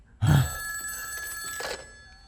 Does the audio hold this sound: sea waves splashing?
no